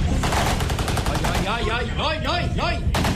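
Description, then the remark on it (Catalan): An exchange of gunfire in 1963 between federal police and army and members of the Hierbabuena sect behind a defensive barricade, with rapid bursts of shots crackling loud, pausing briefly in the middle while wavering, rising-and-falling cries or whines cut through before the shooting returns. “Hi ha intercanvi de trets, confessió i uns quants morts.”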